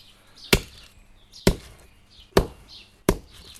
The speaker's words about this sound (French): Ah, je casse les huîtres là. Alors, c'est bien de les laisser au soleil, de les laisser à la pluie. Elles sont plus faciles, elles sont plus friables.